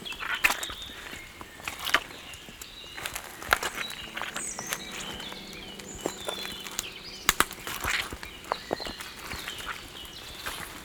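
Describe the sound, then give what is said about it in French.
Footsteps crunch over dry twigs and forest litter, a steady walking pace of sharp, brittle snaps and rustles, with a few louder cracks standing out. No one speaks. “Croustille.”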